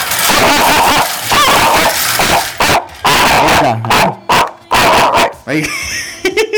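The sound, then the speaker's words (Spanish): A dog barks and yips in quick, irregular, loud bursts, with some whimpering and a person's voice mixed in between the barks. “Muy bien, perrito.”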